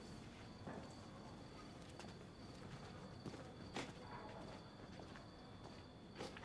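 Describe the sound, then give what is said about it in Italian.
Horse hooves clip-clop in a loose, uneven rhythm of sharp knocks over a steady outdoor hiss with faint bird calls in the background. “Come dicevo, professore, cavallo.”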